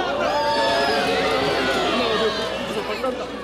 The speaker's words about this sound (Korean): 거대한 화염과 연기를 내뿜으며 하늘로 출발한 누리호. 누리호의 비행을 보기 위해 모인 관람객들도 환호했습니다.